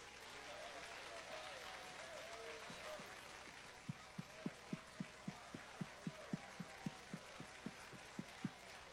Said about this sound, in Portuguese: Vamos receber o consagrado homem de Deus com palmas e glória para Jesus. É palmas e glória.